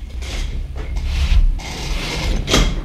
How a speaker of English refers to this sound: My chair slipped out from underneath me just about.